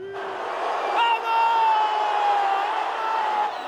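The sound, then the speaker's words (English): A dense crowd of Portugal fans in Toronto, Canada, cheers and shouts continuously, greeting Cristiano Ronaldo and his teammates as they arrive back at their hotel after a World Cup win, with a sustained high-pitched whistle or singing tone rising above the loud, steady roar. “This is how Portugal fans greeted Cristiano Ronaldo and his teammates as they arrived back at their hotel in Toronto following that win.”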